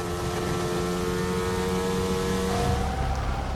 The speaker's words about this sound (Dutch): De plaats waar de microfoon op de McLaren zit is een andere dan bij andere. Hij klinkt dof. En die auto, die motor is natuurlijk gewoon een Mercedes-motor. Klinkt hetzelfde als alle andere.